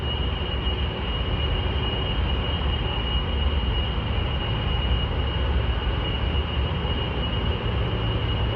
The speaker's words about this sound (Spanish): ¿Lo oyen? Es el zumbido incesante día y noche de los sistemas de refrigeración de un complejo del norte de Virginia, estado por donde circula casi un tercio del tráfico mundial de Internet.